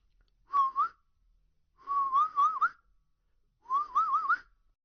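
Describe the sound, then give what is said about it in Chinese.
Three short mouth whistles, each a brief warbling phrase that wavers up and down, separated by short pauses. They are clear, with no talking around them, as someone whistles to coax an animal. “吹几下口哨，走上几步，闪电雕仍不动。”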